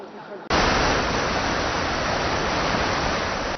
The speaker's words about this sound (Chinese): 而就在巴威台风中心距离台湾最接近的此刻，在台北市区虽然没有明显的强降雨，但是呢，我们可以充分感受到阵阵强风带来的威力。